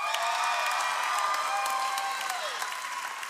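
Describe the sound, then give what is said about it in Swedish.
Sustained applause from a crowd for the winning team, Lag Såsen, of a dodgeball tournament with goals at Nyhem: steady dense clapping with a few cheers and whoops mixed in, holding strong for about three seconds before easing slightly. “Så stor applåd för inga mindre än lag Såsen!”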